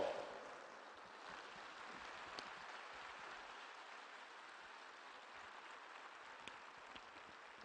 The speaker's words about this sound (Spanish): Un aplauso al Santo Rosario.